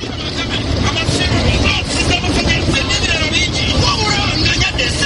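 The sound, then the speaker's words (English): Busy roadside in a slum in Mbuya, south of Kampala, Uganda, with a steady, loud rumble of trucks and passing traffic, overlaid by indistinct chatter from people as women sell food to truck drivers and goods are loaded and offloaded at small factories. “Women are selling food to truck drivers, loading and offloading goods at the small factories nearby.”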